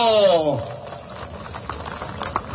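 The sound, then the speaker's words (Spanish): At a gathering in the tropics of Cochabamba, Bolivia, a shouting voice calls for applause for a representative of the Sinaota municipal educational council and trails off, giving way to a dense, crackling wash of audience applause that carries on steadily for about two seconds, with a few sharper claps standing out. “¡Fuerte, fuerte, fuerte aplauso!”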